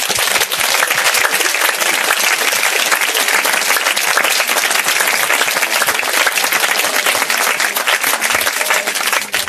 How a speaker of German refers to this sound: Gut, dann wollen wir Jesus doch mal einen Applaus geben.